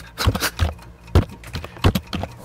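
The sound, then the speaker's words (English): A man smashes a keyboard into his face and nose, trying to type letters with a space between each: an irregular run of loud plastic clacks and thumps, bunched in uneven bursts with short pauses between them, no voices. “Oh, God, he's smashing it into his nose, though.”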